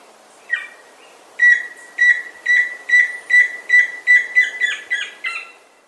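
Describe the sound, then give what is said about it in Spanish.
A tororo y chusquero, a Colombian bird, trills: a single call, then a steady run of about ten evenly spaced, raspy mid-pitched notes, clear and fairly loud with no voices. “El trino del tororo y chusquero forma parte del Banco de Sonidos de Aves Colombianas, recopilado por el Instituto von Humboldt y la Universidad de Cornell.”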